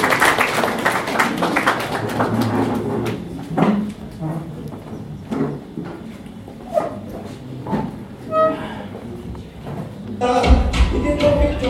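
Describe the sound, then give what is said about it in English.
An audience claps in scattered, uneven bursts of sharp slaps, fairly loud, with murmuring voices and crowd noise underneath throughout, welcoming the representative of the Principal Secretary, State Department for Justice, Human Rights and Constitutional Affairs as she comes forward. “Please maybe clap for her, she comes to you.”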